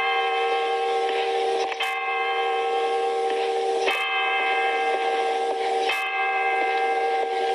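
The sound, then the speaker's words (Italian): A train rolls steadily along the railway, its sustained whistling, humming tone running throughout while sharp rhythmic clacks land about every two seconds, loud with no one speaking. “Ritornò con l'ultimo treno.”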